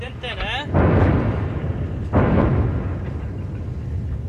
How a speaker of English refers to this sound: And that was a really big boom. Another airstrike in the location near Ali Al-Tahrir Hill, where Israel says it detonated a series of tunnels and a Hezbollah command center recently.